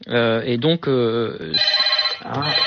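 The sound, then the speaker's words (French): A telephone rings in a hotel room in Cannes with a bright, repeating electronic tone, loud and steady across a few seconds, while a voice briefly overlaps near the start. “Excusez-moi, je suis dans une chambre d'hôtel et j'ai mon téléphone.”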